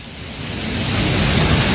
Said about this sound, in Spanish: Ahí se escucha el aguacero de fondo, César. Tremendo aguacero en el Coyol.